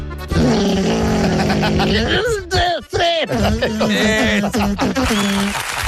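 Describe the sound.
A voice imitates a lawnmower engine: a loud, buzzy, steady drone that then sputters and revs in uneven bursts, wavering in pitch for several seconds.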